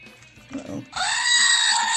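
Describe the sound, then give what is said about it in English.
A loud, sustained goat bleat with a strained, wavering tone rings out, following a brief stretch of low murmuring voices. “Wondering where my goat was.”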